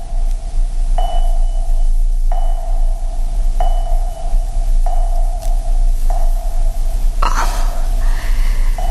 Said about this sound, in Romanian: Doctorul spune că se aud bine bătăile inimii copilului. Înseamnă că e sănătos. Bătăile inimii copilului? Da, sunt bătăile inimii copilului.